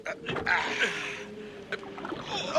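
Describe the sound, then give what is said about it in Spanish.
Water surges and splashes against a small rowing boat on a lake during a fierce storm on a dark, starless night, in a steady, churning wash, with sharper slaps breaking through as the bow cuts into the waves and a faint voice murmuring underneath. “Vienen las olas. Cortémoslas con la proa.”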